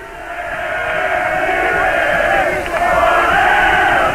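A large crowd of Internacional fans chants and roars in unison at Morumbi stadium during a match against São Paulo, a dense, sustained wall of many voices at steady high volume for several seconds.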